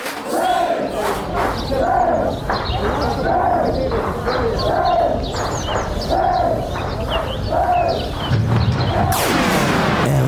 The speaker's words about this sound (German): Und zuvor hier unser kleiner Jingle.